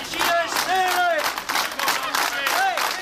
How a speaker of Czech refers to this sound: Tímto pokřikem byla dnes zakončena manifestace zaměstnanců na nádvoří kladenské Poldy.